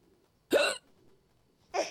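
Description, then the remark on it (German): Two sharp hiccups about a second apart, each a short voiced gulp with a breathy edge, separated by near silence, with no talking around them. “besser den Schluck auf weggebracht.”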